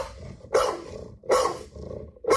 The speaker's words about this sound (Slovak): pustím vám tri rôzne štekania rôznych psov, plemien a vašou úlohou je nájsť tam Pitbulla, aby ten Pitbull bol rozoznateľný.